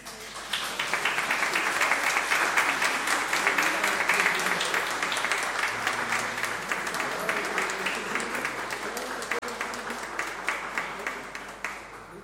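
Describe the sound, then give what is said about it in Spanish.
An audience applauds a newly baptized child at a baptism, clapping steadily for about twelve seconds, a dense wash of many hands at fairly even loudness that thins slightly toward the end, with faint voices underneath. “Muéstrala a toda la comunidad. Un aplauso.”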